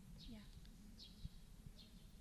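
Sparrows chirping in three short, evenly spaced bursts, fairly faint over a low background rumble.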